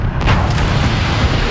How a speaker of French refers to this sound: Ce qui amène l'avion en très peu, en l'ordre de moyenne de 3 secondes, de 0 à 250 km/h à peu près. La catapulte des avions par la vapeur des réacteurs nucléaires atteint 80 tonnes de poussée.